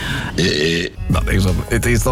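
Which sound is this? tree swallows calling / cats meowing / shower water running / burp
burp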